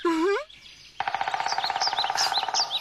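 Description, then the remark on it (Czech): A brief voice sounds at the start, then a woodpecker hammers out a rapid, steady burst of sharp taps that goes on for nearly two seconds, with high bird chirps above it. “Slyšíš? To je určitě král datlů.”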